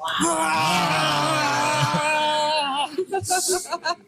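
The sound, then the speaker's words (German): Voices of a family let out a long, drawn-out roar together, imitating a bear, a loud groaning wail held for nearly three seconds, then breaking into short, choppy vocal bursts and breaths, as a father gives his child an injection in the thigh. “Und gemeinsam brüllen wir wie ein Bär.”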